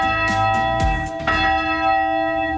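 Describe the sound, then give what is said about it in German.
A large church bell in a church tower, now rung by radio control rather than by hand, rings loudly, its deep tone swelling with each swing and leaving a long, shimmering hum of overtones between strikes. “Früher wurde die Glocke von Hand geläutet.”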